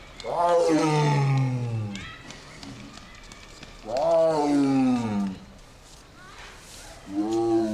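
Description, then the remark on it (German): A tiger roars three times with deep, resonant bellows, each long drawn-out call fading before the next, the last one cut short; no one speaks. “Das ist natürlich auch eine richtige Revierbegrenzung, da weiß jeder andere Tiger, da ist ein besetztes Revier und an der Resonanz, an der Tiefe der Stimme kann man die auch abschätzen, wie groß der andere Tiger ist.”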